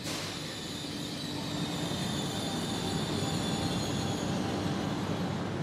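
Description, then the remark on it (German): A train of the Trento-Malé railway, also called the Nunstalbahn, which runs 25 times a day between the capital and the Dolomites, rolls steadily along the rails: a continuous rumbling roar with a faint, high metallic squeal of the wheels throughout. No one speaks. “Wir versuchen aber, auf dem rechten Weg zu bleiben. Mit der Eisenbahn.”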